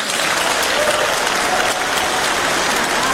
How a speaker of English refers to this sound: Wow, everybody's clapping, and that doesn't actually mean anything.